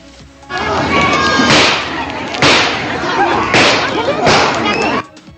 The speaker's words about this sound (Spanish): Fueron como 6 balazos, es lo que nos estaba diciendo ahí la red, que estuvo siempre presente como en todos lados.